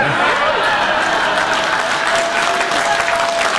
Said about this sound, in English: And I know a lot of people think a king's visit is largely symbolic, but he actually got President Trump to remove the tariffs on Scotch whiskey, which earned Trump some serious applause from a prominent Democrat.